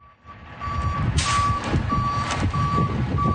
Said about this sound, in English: A tow truck backing in and then winching one of the four damaged vehicles.